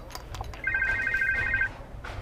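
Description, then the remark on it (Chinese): A telephone rings once in a rapid warbling trill that lasts about a second, fairly clear, over a low background hum with a few faint clicks before and after: an incoming call from an aunt. “阿姨电话， 你接，你接。”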